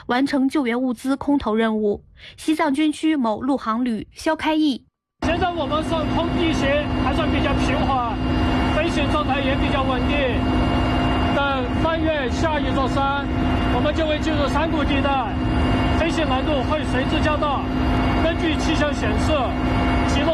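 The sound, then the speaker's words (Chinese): A man narrates briefly, then a loud, steady helicopter drone takes over, rotor and engine roar continuous while a voice talks over the noise. A Tibet Military Region army aviation helicopter flying in a two-helicopter formation from an airport in Shigatse, carrying food, medicine and rescue tools to airdrop at the Gyirong port disaster area. “昨天13点32分，西藏军区某陆航旅一两架直升机组成双机编队携带食品、药品以及救援工具等物资，从日喀则某机场紧急起飞，赶赴吉隆口岸受灾核心区域，为一线救援人员空投物资。”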